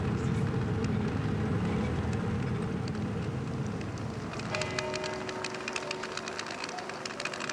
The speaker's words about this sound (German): Ich dachte kurz, da kommt eine Lokomotive. Was war denn das für ein Hupen?